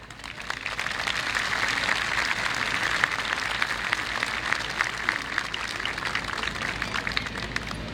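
A crowd applauds steadily for the full stretch, a dense wash of many overlapping claps with no voices, holding an even level without building or fading.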